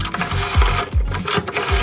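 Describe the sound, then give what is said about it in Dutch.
A rotary dial on an old bakelite telephone whirs and clicks as someone dials to make a call, in a steady mechanical rhythm, with low thumping pulses repeating about every half second. It is fairly loud, with no voices. “Ik hoor draaischijf. Ach, wat leuk. Ja, een oude bakkelieten telefoon.”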